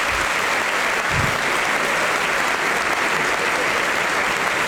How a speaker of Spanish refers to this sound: aplauso para Flavio Mendoza. Tipazo, tipazo.